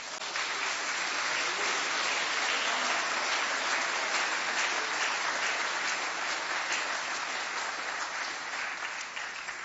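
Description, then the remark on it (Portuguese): An audience applauds the Lord steadily for about ten seconds, a dense, even wash of many hands clapping at once with no one speaking over it. “Aplaude o Senhor.”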